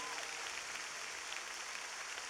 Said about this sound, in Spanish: Aleluya. Dale un fuerte aplauso a Dios en esta noche.